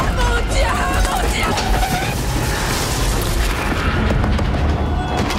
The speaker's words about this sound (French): Enfin, en tout cas, Disclosure Day, c'est quand même 2h30 de spectacle, une scène de carambolage de train-voiture assez dingue, également extrait.